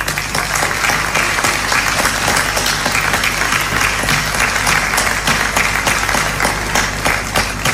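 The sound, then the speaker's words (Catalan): A crowd at a speech during local festivities breaks into loud, sustained applause for the volunteers who organise the festivities, dense clapping that fills the whole stretch at a steady level with no voices standing out. “I demano un fort aplaudiment.”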